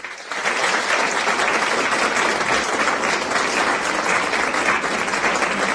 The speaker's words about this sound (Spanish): Aplausos cordialísimos.